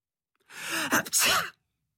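A single loud, close sneeze: a short rising, breathy intake that bursts into a sharp, explosive 'choo', lasting about a second, with no talking around it.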